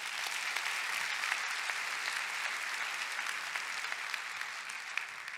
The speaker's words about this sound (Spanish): Dar un aplauso a Cristo.